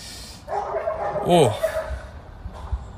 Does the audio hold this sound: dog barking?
yes